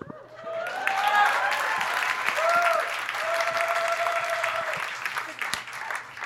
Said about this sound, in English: I am Indian. I'll hold for applause.